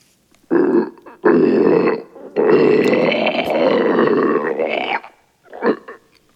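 A monster's deep, boiling gurgle rumbles from its throat in several long, rough bursts, the longest swelling for about three seconds, followed by a short final growl.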